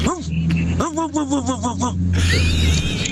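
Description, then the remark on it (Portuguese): Someone imitates a nasal, congested dog ("cachorro fanho") as a sent-in entry in a dog-bark imitation contest: a single bark, then a rapid run of about six pitched, honking yaps, trailing off into a noisy, hissing stretch. “Tá aí o cachorro fanho.”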